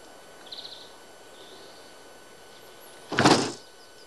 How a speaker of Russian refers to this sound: Идет к дому. Подходит к двери, дверь закрыта.